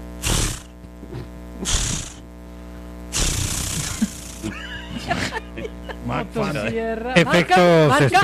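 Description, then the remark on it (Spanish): A voice imitates a chainsaw pull-start as a spoken special effect in a comedy sketch: three harsh, raspy bursts of the cord being yanked, then a sputtering, rising engine-like drone that wavers and revs toward the end, loud. “No, pero estaba sonando bueno el intento de encendido.”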